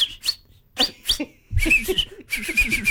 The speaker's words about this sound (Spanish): El árbitro tocó el silbato. Sí. Sonó más como el colectivo, ¿viste? Cuando cierra, cuando la bocina.